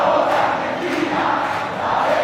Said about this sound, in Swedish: VM-finalen bjöd på många känsloyttringar. Spansk glädje efter guldet. Argentinsk allsång